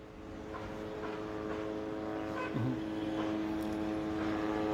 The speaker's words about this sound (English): Well, let me just point out that the drones are still hovering in the area, covering the western part of Gaza City and toward the side where the residential building was attacked earlier this morning